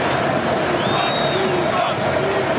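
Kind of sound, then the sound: crowd, football stadium crowd noise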